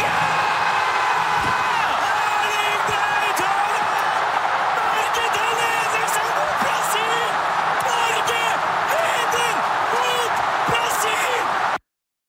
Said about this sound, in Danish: Først havde han Norge foran i den 79. minut. Det udløste eufori hos både norske fodboldkommentatorer på NRK og de mange tusinde nordmænd, der fulgte kampen på storskærm på Ullevål Stadion i Oslo.